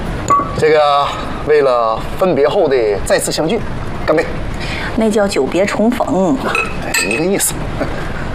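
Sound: glasses clinking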